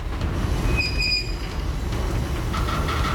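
A heavy freight train hauling a load of oil pipes toward Fairbanks rumbles steadily along the rails, deep and loud, with high metallic wheel squeals piercing through the low roar. No one speaks.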